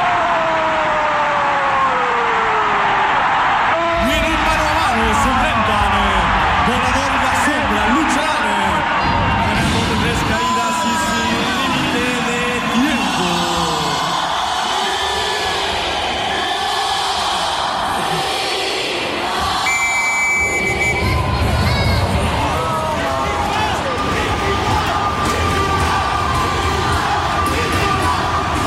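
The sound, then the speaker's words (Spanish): A dense stadium crowd of Puebla fans roars continuously at night, cheering and shouting in waves, the loud mass of voices swelling and dipping but never dropping out over the whole stretch. “¿Y cómo está la barra de Puebla esa noche?”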